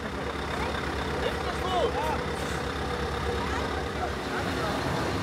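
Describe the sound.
A heavy truck stuck on a grass verge, transporting a dinosaur figure to Damme, rumbles steadily with a deep, loud engine drone that barely changes over several seconds, while faint voices are heard briefly underneath.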